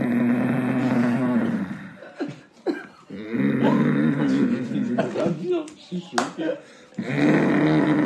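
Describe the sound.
A person imitates a father's loud, heavy snoring with their voice: three long, rasping, rumbling snores separated by short breathy pauses, forceful.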